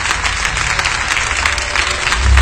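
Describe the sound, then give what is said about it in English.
A crowd claps their hands together as a hand clap of praise to the Lord, in a dense, continuous burst of applause, loud and steady throughout with no voices standing out, and a low rumble swells toward the end. “Go ahead, give the Lord a hand clap of praise in the hand.”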